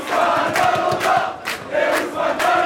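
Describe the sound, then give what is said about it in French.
PSG fans cheering and shouting together in a Parisian bar as Paris Saint-Germain win the Champions League, a loud, sustained crowd roar with rising bursts of whoops and yells, no single voice standing out. “Des cris de liesse dans ce bar parisien où Benjamin Illy a suivi la rencontre.”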